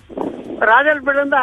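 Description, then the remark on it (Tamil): A short burst of strong rumbling wind buffets the microphone, then a man's voice starts talking while the low wind noise continues underneath. “காத்து அடிக்குது பயங்கரமா.”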